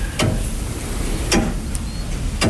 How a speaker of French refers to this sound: c'est le tic-tac de l'horloge. Il égrène le temps et de temps en temps on remonte le poids de l'horloge et le poids de ce qui l'a fait tourner, ce qui l'a fait sonner.